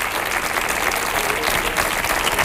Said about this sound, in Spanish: Otro aplauso para Ricky Rivera, que vamos a dormir así, ¿eh?